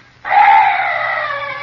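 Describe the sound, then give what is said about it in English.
A strange night bird call: one loud, harsh, wailing cry that starts abruptly and holds steadily for over a second, with a rough, scream-like tone and no voices. “Oh, some night birds.”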